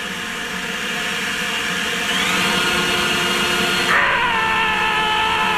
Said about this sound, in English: So, somewhere between the hair dryer and the leaf blower, I held the leaf blower, the back of the leaf blower to the microphone, and it just blew a bunch of papers everywhere.